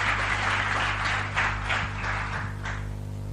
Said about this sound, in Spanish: Dele su mejor aplauso al Señor. Claro que sí.